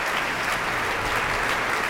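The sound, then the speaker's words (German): Sustained applause from a large concert audience for the conductor on stage at a matinee concert, a dense, steady wash of many hands clapping at once with no pauses and no voices on top. “Jetzt noch einmal Applaus für den Dirigenten auf der Bühne.”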